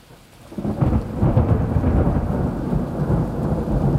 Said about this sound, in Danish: Tak fordi du lytter med, og jeg slutter af med et ordentligt skrald. Et super lækkert optaget tordenskrald.